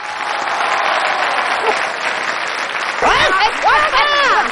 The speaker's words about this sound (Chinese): 大家给我鼓鼓掌